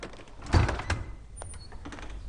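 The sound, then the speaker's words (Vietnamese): A door is opened for a visitor, with a sharp clunk of the latch followed by a brief sliding, rattling movement, then a quieter room tone with faint shuffling. “Em đi mở cửa, là ai đến vậy?”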